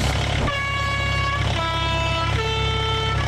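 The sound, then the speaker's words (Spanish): A minibus horn honks in three sustained blasts, each shifting pitch, over a steady low rumble of the minibus's idling engine, loud with no voices. “Así que te pido que te apures y rapidito subámonos al microbús porque vamos a comenzar la entrevista.”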